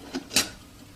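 A visually impaired man making coffee at a stove sets a lid onto a kettle: a soft metallic tap followed by a brighter, sharper clink, both brief, with quiet room tone after.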